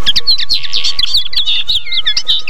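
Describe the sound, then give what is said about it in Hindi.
A dense chorus of small birds chirping and tweeting as they eat grain, many quick high calls overlapping continuously, lively, with a faint steady hum underneath and no talking. “सिमरन ने चिड़ियों को दाना खाते देखकर कहा, हाँ मैं भी चिड़िया बन जाती तो ठीक था।”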